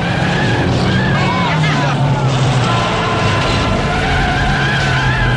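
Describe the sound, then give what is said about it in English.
A car's engine roars loudly and steadily as its tires skid and slide while it swerves on a snowy road during a stock car race, the revving pitch rising and falling throughout with a constant wash of road noise. “She swerves on the snowy roadway.”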